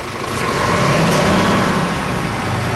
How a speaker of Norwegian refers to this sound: Ja, da det et dugelig drønn fra blant annet lastebilen som står utenfor her.